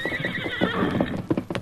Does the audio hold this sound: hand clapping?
no